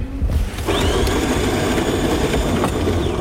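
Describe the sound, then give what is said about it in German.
A brand-new coffee machine in the newsroom of a public broadcaster in Daugavpils runs with a steady, loud mechanical whir and hum that starts abruptly near the beginning and continues without pause, a faint high whine riding over the drone. “ist nicht nur die Kaffeemaschine brandneu.”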